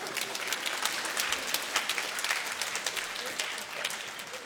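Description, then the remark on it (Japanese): Steady applause from a crowd, a dense patter of many hands clapping at once, holding a fairly even level throughout without any voices standing out. “どこからか拍手が聞こえてくる。”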